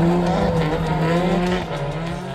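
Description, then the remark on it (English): A drifting car at Uber Drift in Tokyo, Japan roars, its engine droning steadily while tires squeal in a sustained high whine, loud and continuous, easing slightly toward the end. “And after experiencing drifting from inside these cars, you understand why this culture still continues to hold a legendary status around the world.”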